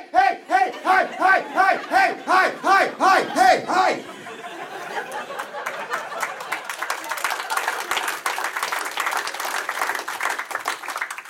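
A crowd cheers in loud, rhythmic whooping bursts for a few seconds, then breaks into steady, dense applause with scattered shouts that carries on to the end.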